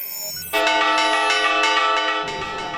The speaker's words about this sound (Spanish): Las campanas de las médulas en León han tocado a fuego. Ha sido parte de la protesta convocada bajo el lema "Ante el abandono, resistencia".